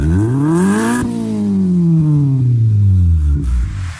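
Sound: car engine revving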